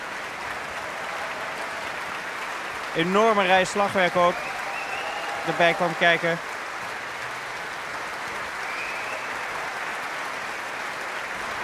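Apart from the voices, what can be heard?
concert audience applause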